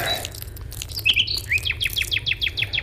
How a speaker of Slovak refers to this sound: Počul si? Čo? Slávik. Ale Slávik, to bol Drozd. Naozaj? Takže aspoň vtáky sa zachovali.